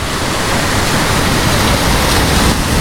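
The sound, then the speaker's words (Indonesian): A steady, full wash of crashing surf fills the whole stretch, loud, with no distinct wave swells or pauses and no voices, at a beach in hot weather. “Cuaca panas gini, sambil nyantai di pantai, paling enak minum yang dingin-dingin.”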